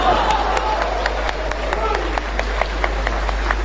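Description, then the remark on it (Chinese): An audience applauds steadily for a few seconds right after a performer finishes singing, a dense patter of many hands clapping at once, fairly loud, with a murmur of voices underneath. “好， 这个显得多热闹是吧，是吧，我一唱完你们就鼓掌啊，我没有别的意思，咱就为气了门口这摊煎饼的啊。”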